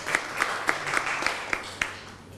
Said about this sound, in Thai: เดี๋ยวเชิญอีกหนึ่งกลุ่มด้านหน้าได้เลยครับปรบมือให้กับตัวแทนกลุ่มนี้นะครับในระหว่างที่เพื่อนมานะฮะ